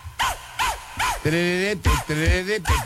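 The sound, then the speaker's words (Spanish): Upbeat dance song with dog-like barks sampled in time with the beat, repeating every half second or so, alongside a sustained melodic voice or synth line and a thumping rhythm. “vamos a poner esta rola, es ….”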